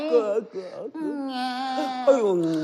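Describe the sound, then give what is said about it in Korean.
A voice imitates the weak cry of a newborn baby exhausted from crying, in the dark before dawn: a thin, wavering wail that rises and falls in a few drawn-out breaths, steady, with no other talk. “이제 갓난 것이 지쳐서 울음소리도 시원찮네.”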